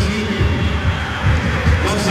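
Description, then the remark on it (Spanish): A stadium crowd at a football match between the U and Ñublense applauds Díaz as he stays on the pitch with the captain's armband, a dense, steady wash of clapping and crowd roar that holds an even loudness for the full two seconds, with low rumbling swells underneath. “Lo aplaude el público.”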